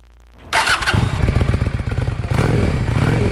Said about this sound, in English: She used to ride behind her partner, but this year, at age 55, she got her own motorcycle permit. She has a cruiser. It's a Honda Shadow. It's brand new, pewter gray, and sparkly.